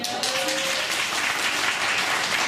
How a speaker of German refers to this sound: Wer leidet hier so ein bisschen unter Winterdepression? Mit einem Applaus.